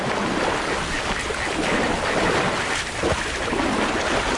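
Elephants wading through swamp water in the Okavango Delta, pushing their way through the marsh: a loud, steady rush of sloshing and splashing that churns on without pause, with no voices.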